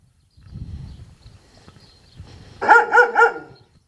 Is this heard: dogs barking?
yes